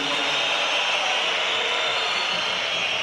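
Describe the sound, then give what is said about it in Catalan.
A basketball crowd whistles loudly and continuously as Ricky Rubio enters the game, the many shrill whistles blending into a steady, hissing wall of sound that holds for the whole three seconds without a break. “aquests xiulets són per l'entrada de Ricky Rubio.”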